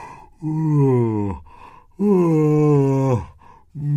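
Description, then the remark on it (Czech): A voice gives two long, drawn-out yawning sounds, each sliding downward in pitch, loud, with a third yawn just beginning as it ends. “Z květu se vybatolil medák a zíval na celé kolo.”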